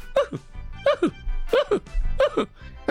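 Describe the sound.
A voice imitates hiccups: four sharp, squeaky vocal hics in a steady rhythm about half a second apart, each with a quick rising-and-falling pitch, with no other talk.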